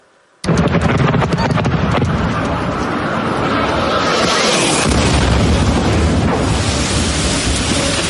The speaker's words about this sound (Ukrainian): Ці кадри випадкові перехожі зняли за секунду до вибуху. Гучний свист реактивного двигуна, паніка та люди, які пригинаються, закривають голови руками і намагаються сховатися від уламків просто неба на вулиці.